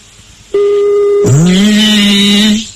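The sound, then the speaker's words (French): A telephone line tone as a phone number is dialed for a call: a steady electronic beep holds for under a second, then a lower, buzzier ringing tone swoops up slightly and sustains for over a second before cutting off. No voices. “Le numéro de téléphone est composé, allez.”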